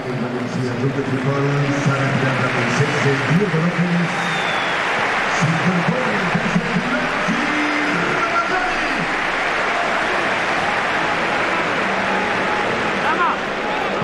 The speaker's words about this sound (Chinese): 现场的观众呢，也是给了迪戈洛佩斯和拉马扎尼掌声。